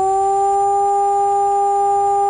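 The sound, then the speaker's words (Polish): A civil-protection siren sounds the all-clear: a steady, unwavering tone held at one pitch for the whole stretch, loud and continuous with no rise or fall. “Odwołanie alarmu to zaś dźwięk jednostajny.”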